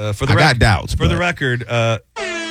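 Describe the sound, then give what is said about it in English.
A sad, deflating air horn sound effect blares in several wavering, downward-bending blasts, then breaks off briefly before one last flat honk. “This is the sad air horn.”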